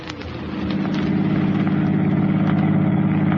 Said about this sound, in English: drove toward the George Washington toll bridge, across the Hudson River in Siegel's car, with the third criminal, Bud Aldridge, following in their own car. Within a few minutes, they were on the approaches to the bridge and nearing the toll gate.